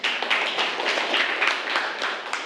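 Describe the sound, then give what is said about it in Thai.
A group of students claps for a classmate, a steady, dense patter of many hands lasting a couple of seconds at even loudness, with no talking over it. “โอเคนะครับปรบมือให้เพื่อนเลยนะครับ”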